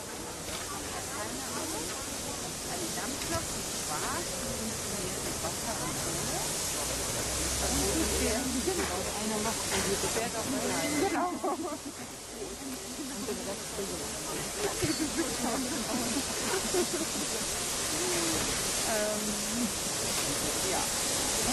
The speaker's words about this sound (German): Bitte auch die Gäste im Rundhaus am Stand 3, also zwischen der 58 und der 503501, zur Seite treten, damit wir die Dampflok hier schön ins Haus zurücksetzen können.